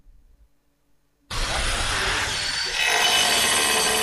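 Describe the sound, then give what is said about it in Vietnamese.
After a second of near silence, a loud, harsh grinding roar of a tile cutter and concrete drill bursts in and holds steady, with construction vehicle noise blended underneath, on the building site of the Lóng Phiêng ethnic boarding primary and lower secondary school, Sơn La province, Vietnam. “Tiếng máy cắt gạch, tiếng khoan bê tông hòa lẫn tiếng xe cơ giới tạo nên nhịp lao động hối hả trên công trường trường phổ thông dân tộc nội trú tiểu học và trung học cơ sở Lóng Phiêng, tỉnh Sơn La.”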